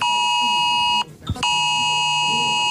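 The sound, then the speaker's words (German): A loud, harsh emergency alert tone from a phone during Germany's nationwide test alarm on warning day sounds steadily, cuts out for a brief moment, then resumes at the same piercing pitch, alone without any voices. “Das heißt, euer Handy kann entsprechend vibrieren oder auch klingeln oder auch die ein oder andere Sirene bei euch um die Ecke könnte mal losgehen.”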